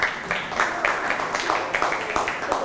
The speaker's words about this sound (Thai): นั่งลงได้ปรบมือให้เพื่อนครับ